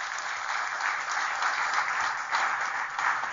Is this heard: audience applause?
yes